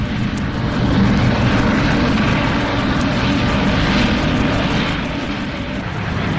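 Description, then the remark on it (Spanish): The engines of a small jet roar at full power as it accelerates and begins to move through a hangar, a loud, steady, rumbling wash of noise held unbroken for several seconds, with no voices. “Y el jet empieza a moverse.”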